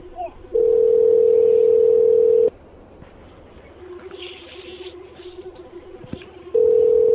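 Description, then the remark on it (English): A phone call being placed back rings out through the handset: a steady electronic ringback tone lasting about two seconds, a long quiet pause with faint background murmur, then the tone starting again. “Call him back.”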